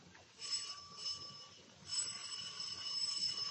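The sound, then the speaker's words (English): A doorbell rings twice in a row, a bright, sustained metallic chime that rises, lingers, then sounds again, fairly loud against faint background hiss with no talking. “Let me ring the bell for you.”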